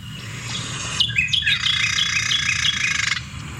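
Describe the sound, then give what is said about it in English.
A Carolina wren sings a loud, ringing run of quickly repeated phrases lasting about two seconds, clear over a low, steady outdoor rumble. “I'll play the Carolina Wren because, I don't know, you associate that one with kind of, I feel like some morning kind of sound you might hear.”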